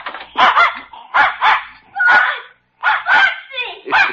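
A dog named Spot, let out through a door to greet a boy sitting on the steps of his house, barks excitedly in quick bursts, often in pairs, with short pauses between them. The barks are loud, high-pitched and slightly whiny, about eight or nine in all.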